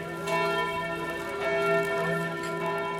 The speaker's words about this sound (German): Mit dem Glockenschlag der Herz-Jesu-Kirche bin ich groß geworden, Tag ein, Tag aus. Als ich 11 war, zogen wir in die Alpenstraße, schräg gegenüber der Kirche. Zu jeder Tages- und Nachtzeit wusste ich, wie spät es ist.